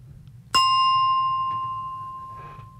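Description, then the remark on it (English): A single bright bell strike rings out clearly and sustains, its metallic tone slowly fading over a couple of seconds above a low background hum. “A bit of a bell to break things up.”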